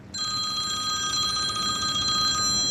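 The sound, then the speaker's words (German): The telephone of roll-turf producer Roland Zahnt rings continuously with a bright, trilling electronic tone, loud, holding steady for a few seconds with no one speaking. “Der hat im Moment nicht so viel Zeit zum Reden, fast gäng läutet sein Telefon.”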